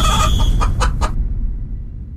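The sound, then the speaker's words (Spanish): A rooster calls out loudly, a short run of harsh, strained squawks lasting about a second, over a steady low rumble that continues after the bird falls silent. “Aquí está el gallo.”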